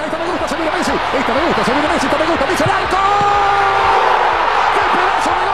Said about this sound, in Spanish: Así comenzábamos a gritar el primer gol de la selección argentina, como te decía, en este hat trick, en el cual, bueno, todos, digamos, anoche estábamos más que felices